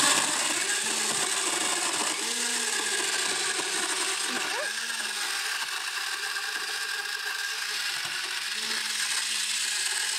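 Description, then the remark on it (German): A countertop blender runs steadily for about ten seconds, mixing a frozen slushy drink, a loud, dense whirring roar with a low motor hum that wavers slightly as the frozen mixture churns. “Wenn ich jetzt keinen Mixer zu Hause habe, kannst du das mit einem Stabmixer auch machen?”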